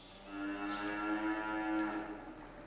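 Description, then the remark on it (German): A single long, loud cow moo in a barn with a steady low pitch rises and falls over nearly three seconds, with no one talking. “Das ist schon, aber die Kühe brauchen halt den Rhythmus und man muss sie ungefähr in 12 Stunden Abständen melken.”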